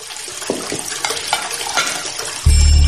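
Running water splashes steadily while dishes clink and clatter in a sink, with a few sharp knocks, then the flow suddenly strengthens into a louder, fuller gush near the end.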